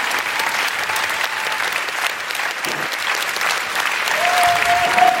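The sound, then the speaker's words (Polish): Steady applause from a sizeable audience, a dense wash of clapping that holds for several seconds and swells slightly toward the end, with a faint whistle-like tone cutting through near the close. “Niech wybrzmią te oklaski, żebyście państwo poczuli klimat, który w lutym w Offenbachu będą zdecydowanie głośniejsze.”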